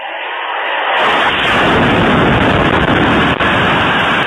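A missile explosion from a Russian missile strike on a residential neighbourhood of Kharkiv, Ukraine, at night bursts in after about a second of quiet, loud, then gives way to a dense, sustained roaring rumble that continues to the end with no voices.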